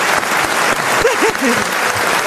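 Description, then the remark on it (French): Steady, dense applause from an audience for Yann Folli fills the whole stretch, loud, with a few brief vocal murmurs rising faintly underneath the clapping. “d'applaudir Yann Folli.”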